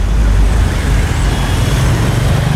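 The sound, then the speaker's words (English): Steady, continuous road traffic rumbles across town, heard from the roof of the Corn Exchange: a broad low-frequency wash of cars, buses and lorries with no distinct passes standing out. “You join me back on the roof of the Corn Exchange, seeing how things are looking. Traffic seems to be moving okay across town.”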